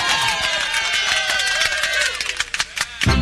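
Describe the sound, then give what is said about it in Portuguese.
A crowd applauds loudly and continuously, a dense wash of many hands clapping with some cheering mixed in, growing more sharply percussive toward the end. “Palmas, palmas, palmas e mais palmas.”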